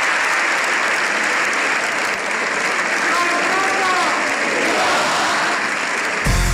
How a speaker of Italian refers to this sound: davanti alle corte in Spagna ha ricevuto 7 minuti di applausi interrotti dal grido di Viva il Papa, che considererei in sintonia.